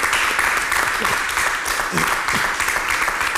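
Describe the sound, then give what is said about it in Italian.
Steady audience applause for a group of talented young people from Giulianova: a dense, crackling wash of many hands clapping at an even, loud level throughout, with a faint voice briefly surfacing beneath it. “E noi gli facciamo un bel applauso esatto.”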